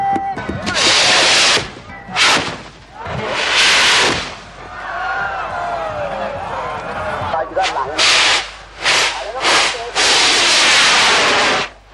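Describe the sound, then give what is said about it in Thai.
Large Thai bang fai bamboo rockets of the ten-thousand and hundred-thousand classes roar off one after another in loud, hissing whooshes, about half a dozen bursts of rushing noise, with crowd voices and shouts carrying on between and beneath them. “บ้างไฟหมื่นบ้างไฟแสนลำแล้วลำเล่าถูกจุดขึ้นสู่ท้องฟ้า”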